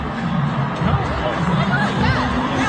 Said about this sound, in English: But just listen to the crowd, and I think that'll tell you what happened.